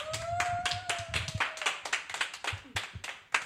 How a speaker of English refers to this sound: Okay. Wow, could we get another applause, please?